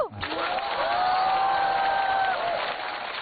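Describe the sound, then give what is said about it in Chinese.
Steady audience applause for a firefighter performing in a competition fills the whole three seconds as a dense, even wash of clapping, with a sustained vocal cheer rising out of the crowd partway through. “鼓掌的观众，我祝你们幸福。”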